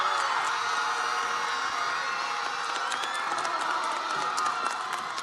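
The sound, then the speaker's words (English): At a class of 2026 graduation ceremony, a large crowd of graduates stands, cheering and applauding their parents and teachers steadily, a dense roar of clapping and shouts with occasional whoops and high voices rising above it, sustained and loud throughout. “So you're going to stand and give them a resounding round of applause.”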